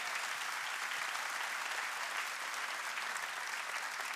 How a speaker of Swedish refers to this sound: Återigen en stor, stor applåd.